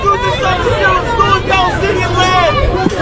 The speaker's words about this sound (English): Okay, they're all yelling, what are you going to do about the stolen Palestinian land?